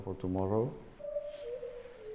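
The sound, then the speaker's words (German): A white-handed gibbon call at a Spanish zoo, coming from the gibbon house: first a short, rich, wavering hoot, then a long, clear, whistle-like note that holds a steady pitch before dipping slightly and fading. “Krach machen nur die Affen von oben. Wir hören hier die Weißhand-Gibbons.”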